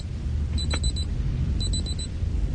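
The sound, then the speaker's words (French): A man imitates an alarm clock with his mouth, live on air at 9:09 and without tricks: two short bursts of rapid, high-pitched beeps separated by a brief pause, heard over a steady low background rumble. “Écoutez, je vais vous faire le bruit du réveil avec ma bouche.”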